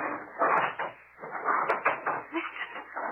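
Heavy furniture scraping and bumping as a door is barricaded, with several rough dragging bursts and wooden knocks in an uneven rhythm, fairly loud throughout.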